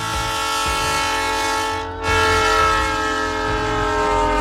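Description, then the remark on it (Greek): A train rumbles past while its horn blares steadily for the whole stretch, a loud sustained chord with a brief dip before it swells again. “Μαμά, μαμά, ένα τρένο.”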